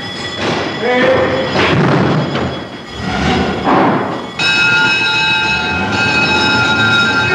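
Fire engines rumble and clatter off to fight a fire, then a loud, steady multi-toned horn blares continuously through the second half, with bells and engine roar mixed underneath.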